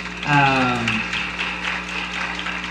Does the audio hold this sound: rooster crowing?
no